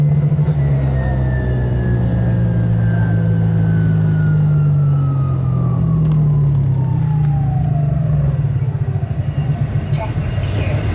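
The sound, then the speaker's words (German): A light aircraft engine drones loudly in flight over the Lindebene, its pitch sliding steadily lower as the pilot switches the engine off after a few minutes, leaving rushing wind noise. “Nach ein paar Minuten über der Lindebene schaltet der Peter Schmid dann aber zumal den Motor ab.”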